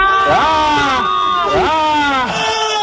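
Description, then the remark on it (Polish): Several voices shout together on a radio show in a loud, sustained group yell to let out emotion, rising and falling in two big swells with strong harmonic overtones, like a crowd cheering in unison. “A gdyby ktoś z Państwa chciał coś wykrzyczeć, to proszę się nie krępować.”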